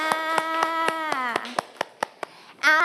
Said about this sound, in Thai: เก่งมากค่ะปรบมือให้เพื่อนด้วยค่ะ